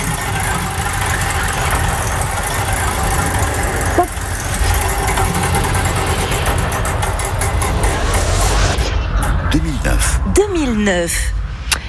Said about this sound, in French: J'envoie la roue du temps, à vous de l'arrêter.